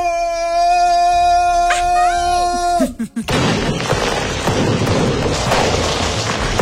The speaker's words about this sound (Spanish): Hasta balazos hubo. O cohetes.